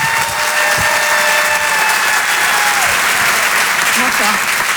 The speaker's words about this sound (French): Je vous demande de l'applaudir également très fort.